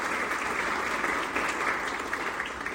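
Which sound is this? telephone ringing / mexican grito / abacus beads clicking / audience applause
audience applause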